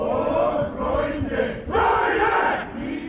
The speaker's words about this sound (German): Doch erst stürmen zwei Dutzend Männer vom Chor Hutajat auf die Bühne und singen, nein, schreien, Beethovens Zitat aus seiner 9. Symphonie in den Winterhimmel.